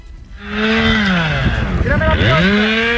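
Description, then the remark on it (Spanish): A chainsaw engine roars steadily, its pitch dipping and climbing as it revs and bogs down through a cut, starting after a brief quiet moment; used by firefighting crews working on the ground with heavy machinery and chainsaws at an active wildfire. “El incendio está activo en situación de emergencia operativa 1 y 212 efectivos del Infoca trabajan sobre el terreno con maquinaria pesada y motosierras.”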